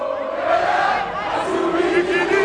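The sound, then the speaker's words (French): A dense crowd of Congolese football supporters in the stadium in Atlanta roars and chants together at the final whistle after their team's 3-1 win over Uzbekistan, some dancing in a circle; a sustained wall of loud voices with rising, sung tones carrying above the mass of cheering. “Au coup de sifflet final, certains couloirs du stade sont bloqués. Des supporters congolais qui dansent en cercle.”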